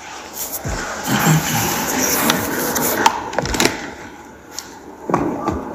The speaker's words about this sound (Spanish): Si muevo las hojas, puedo oír. Cuidado con si muevo las hojas, mejor.